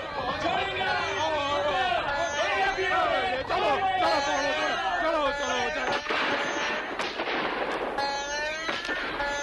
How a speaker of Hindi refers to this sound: सिपाहियों ने गोलियों की भयानक बरसात कर दी।